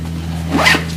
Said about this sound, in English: In his bedroom, Peter packs a duffel bag with clothes.